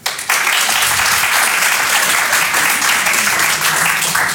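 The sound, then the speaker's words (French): An audience bursts into applause, a dense, steady wash of many hands clapping at once that holds loud and even for several seconds, with a few faint voices mixed in. “Par applaudissement, il y a des gens qui ont le statut de grand frère ou de grande sœur ce soir.”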